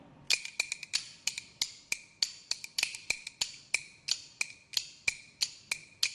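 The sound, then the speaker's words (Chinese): Bamboo kuaiban clappers rattle out a quick, bright run of sharp wooden clacks in an uneven, syncopated rhythm, some strikes doubled into rapid flurries, with no voices over them. “你能不能边打边用？一团快板来”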